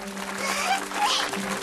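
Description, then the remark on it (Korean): A class of children clapping together for a classmate's improved test score, a steady, dense patter for under two seconds, with faint voices and a hum running underneath. “모두 박수!”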